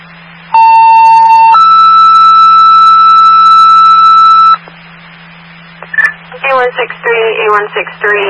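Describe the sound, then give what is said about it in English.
Emergency dispatch alert tones: a loud, steady lower tone for about a second, then a higher tone held for three seconds, over a low hum. After a pause, a voice begins speaking. “Stand by for the tones.”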